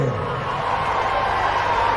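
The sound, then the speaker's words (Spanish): Loud, steady audience applause for Pipo Cipollatti fills the whole stretch, a dense wash of many hands clapping at once with a crowd murmur underneath and no pauses. “Y los aplausos bien fuerte.”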